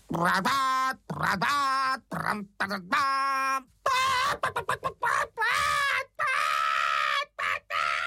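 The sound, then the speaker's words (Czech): A voice imitates a hen shrieking in alarm: a rapid run of loud, harsh, high-pitched squawks and cackles in choppy bursts, frantic, with no other sounds. “Vykřikla slepice a protože myslela, že hoří, uháněla jako splašená pryč.”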